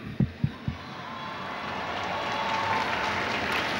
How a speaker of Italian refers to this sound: Le tende si aprono in questo istante, l'applauso della folla.